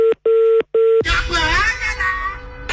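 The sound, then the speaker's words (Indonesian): Three steady telephone keypad tones beep in quick succession with short gaps between them as someone dials a phone call again, then a voice starts talking while the tones stop. “Kita coba lagi telepon.”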